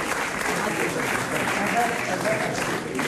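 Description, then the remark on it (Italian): A crowd of people applauds steadily, a dense wash of clapping that holds at a constant level for a few seconds, with faint voices mixed into the noise. “La signorina si deve accomodare a fare un po' di grazie, un bel applauso!”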